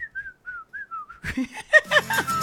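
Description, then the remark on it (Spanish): Someone attempts a mouth whistle, producing about six thin, breathy, wavering short notes that barely hold a pitch. Then several people break in talking and laughing loudly. “¡Pobre ese silbido! ¡Pobre! Más pobre que yo terminando la quincena.”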